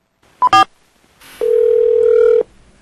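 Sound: telephone ringback tone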